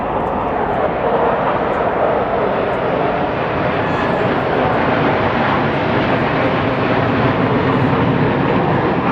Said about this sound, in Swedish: Och en bit bort i himlen så ser vi också x antal JAS-plan. Det här kan låta en hel del nu. Om man hör ljudet.